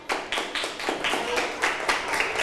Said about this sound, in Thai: เพื่อนตอบว่า26เซนติเมตรถูกต้องไหมเอ่ยถูกต้องนะคะเดี๋ยวปรบมือให้เพื่อนหน่อยค่ะ